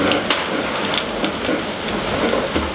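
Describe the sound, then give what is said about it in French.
A dense, steady roar of wind-driven rain and spray in a squall at sea aboard a sailing boat, a continuous hiss with a few brief sharper gusts rising out of it, and no voices. “Je viens de me faire un énorme vrac dans un grain.”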